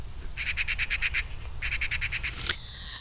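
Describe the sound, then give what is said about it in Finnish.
A small, brownish, streaked bird (Finnish: sarasirkka), an extremely rare and hard-to-detect species that hides in vegetation, calls: two bursts of rapid, evenly spaced high chirps, about seven notes each, followed by a brief sharper note, heard alone over low background rumble. “Siis pieni ruskehtava kasvillisuuden kätköissä piilotteleva viirukas lintu, äärimmäisen harvinainen ja vaikeasti havaittava laji.”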